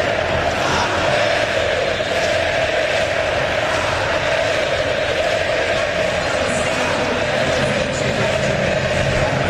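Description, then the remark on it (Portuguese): A large crowd of Cruzeiro football supporters chants the name of player Wesley in unison, a dense, steady roar of many voices that holds at a constant loudness throughout, with no single speaker standing out. “Pode subir o som da torcida cabulosa. Gritando o nome do Wesley, que acabou de chegar e já chegou marcando um golaço.”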